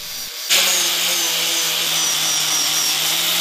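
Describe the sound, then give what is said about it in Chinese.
A power sander grinds steadily against a block of old golden-silk nanmu wood, exposing its golden grain. It starts abruptly after a brief quiet moment and continues as a loud, even whirring rasp with a low motor hum underneath. “哎呀，打磨啊，这个 是金光闪闪的呢。”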